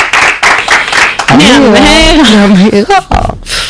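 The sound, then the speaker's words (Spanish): A show audience claps in a quick, dense patter for about a second to welcome a guest, then a voice breaks in with a drawn-out, sing-song call and talk as the clapping fades. “Un aplauso para ella.”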